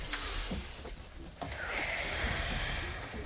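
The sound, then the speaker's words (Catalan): Several people together draw in and let out a long, deep breath on the count of three during a radio show. It is a broad airy rush that swells and fades over a few seconds with no talking. “Anem a fer una respiració, a mi m'anirà molt bé, avui també té un dia de nervis.”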